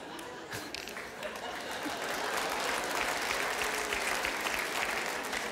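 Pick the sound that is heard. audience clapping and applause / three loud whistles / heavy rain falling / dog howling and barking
audience clapping and applause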